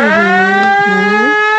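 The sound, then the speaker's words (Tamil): A loud, steady siren wail holds one pitch with a slight wavering bend, rich and buzzy with overtones, sounding alone without any talking. “இந்தாயா சங்கு சவுண்டு சம்ப கிடைக்குது, இதை போய் விசிலுங்கிற.”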